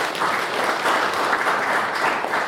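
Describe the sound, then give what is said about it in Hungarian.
A church audience applauding together for the completed renovation of the pews and heating, a steady dense wash of clapping from many hands that holds evenly at moderate loudness throughout, with no voices over it. “Úgyhogy tapsoljuk meg azokat, akik fáradoztak ezen, meg önmagunkat is, hogy megvalósítottuk.”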